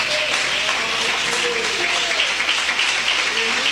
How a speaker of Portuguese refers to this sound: Pode assentar, irmãos, e bater as palmas para Jesus bem forte.